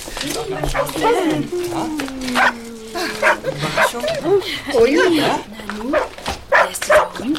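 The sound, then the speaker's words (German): A cluster of puppies yips, whimpers and barks in high, overlapping bursts, while a person speaks briefly over the excited chatter. “Jedenfalls sind diese Welpen eindeutig ihre Verantwortung.”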